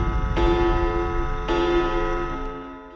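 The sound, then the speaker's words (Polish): A clock sound effect striking midnight on a Saturday night: two loud, resonant strikes roughly a second apart, each ringing on with a sustained metallic tone, heard alone with no talking. “W sobotnią noc, gdy zegar wybije północ.”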